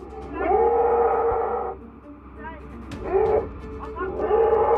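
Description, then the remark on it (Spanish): A baby elephant that fell into a huge hole in Thailand cries in loud, drawn-out wailing squeals, three or four cries rising and falling with short pauses between them, over a low rumbling background. “El llanto del elefante bebé era abrumador, tanto que la madre se desmayó del estrés al verlo atrapado en el hoyo.”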